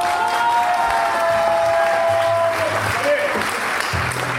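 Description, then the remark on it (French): An audience applauds steadily for several seconds in answer to a call to vote by applause, a dense, continuous wash of clapping with a few whoops and cheers rising over it. “Par applaudissement, qui pense que la prochaine fois, ils vont encore nous la faire à l'envers?”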